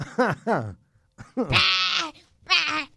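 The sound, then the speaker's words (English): Sheep bleat several times in quick succession, loud: two short calls, then a long wavering bleat and another shorter one, with no talking over them. “Das Sheepen.”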